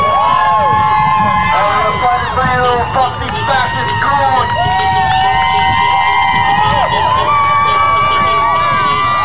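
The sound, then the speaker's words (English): A large crowd in the street at night in New Jersey cheers and whoops continuously as detainees flash the lights on and off, dense overlapping voices rising in excited shouts and whistles, loud throughout with no pauses. “And they're, the inmates, the detainees, are flashing the lights on and off, and that's what the people in the street were cheering about.”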